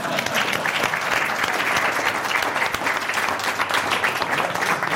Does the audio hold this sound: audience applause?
yes